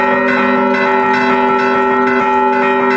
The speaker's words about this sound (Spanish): pues voy algún fin de semana, los domingos o los sábados, y es para hacer los toques de misa. Y también la música de las campanas para celebrar un bautizo.